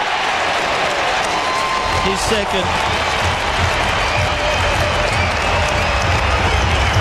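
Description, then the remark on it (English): A huge football crowd of about 26,000 roars and applauds in a loud, sustained wall of noise as Evans shoots from 30 out round the body, with a commentator briefly speaking over the din. “Evans, 30 out round the body, the crowd will roar.”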